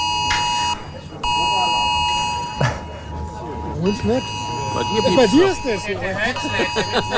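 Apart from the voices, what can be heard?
smartphone emergency alert tone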